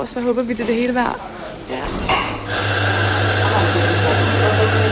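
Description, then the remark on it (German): A voice speaks briefly, then an espresso machine starts up in a foyer: a steady, loud mechanical hum and hiss with a low droning pump that runs continuously to the end. “Irgendwo im Foyer läuft schon eine Espressomaschine.”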